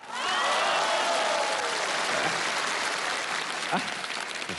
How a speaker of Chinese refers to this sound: 这您还给鼓掌呢？